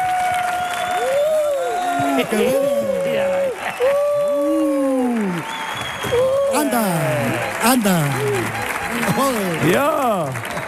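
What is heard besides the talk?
audience applause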